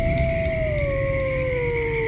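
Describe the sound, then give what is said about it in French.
A long, steady wolf howl at night with a smooth tone that slowly sinks in pitch, sounding loud and sustained over a dense, low rumbling background, with no talking. “Et parfois, les loups rôdent.”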